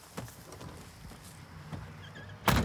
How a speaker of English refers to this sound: Right, shut the doors.